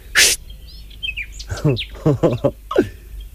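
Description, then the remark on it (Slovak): A small bird chirps in a few quick, high tweets, after a short breathy hiss and mixed with bursts of voice sounds. “Aha, vtáčik.”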